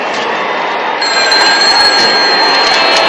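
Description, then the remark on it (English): A loud, bright telephone bell rings continuously with a call for Madison, a steady metallic trill that fills the whole stretch with no voices over it. “Phone for you, Madison.”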